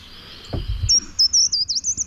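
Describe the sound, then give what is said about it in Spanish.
A treecreeper in an olive grove sings a quick series of thin, very high-pitched notes, clear, after a brief low thump; no one is talking. “Estamos escuchando un agateador.”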